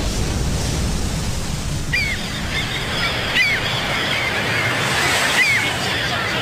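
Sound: waves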